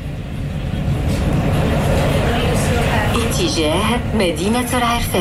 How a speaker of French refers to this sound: Et on démarre dans le tramway, dans Rabat.